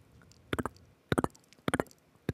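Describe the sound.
A voice imitates walking footsteps with mouth clicks and pops, sounding in quick clusters of two or three sharp percussive hits, repeated four times in a loose, trotting rhythm.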